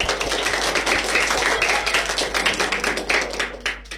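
A crowd applauds with dense, steady clapping throughout, many overlapping claps forming a continuous crackling wash that tapers off slightly at the end.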